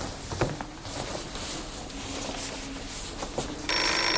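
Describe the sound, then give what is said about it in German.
A telephone rings steadily for several seconds, a bright electronic trill over faint room noise, with no one talking. “Ich geh schon ran. Vielleicht gibt's Neuigkeiten von Frauke.”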